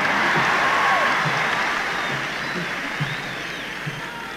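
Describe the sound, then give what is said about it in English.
A concert crowd of about 18,500 people applauds steadily between songs at an acoustic guitar show, a dense wash of clapping mixed with yells and a few high whistles, holding loud throughout and easing off slightly toward the end. “I guess I don't mind if you yell all between the songs, you know, that's sort of like a scratch on a record, you know, on an album.”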